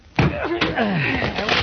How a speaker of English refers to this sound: Oh, that shot came from Douglas' apartment. Break down the door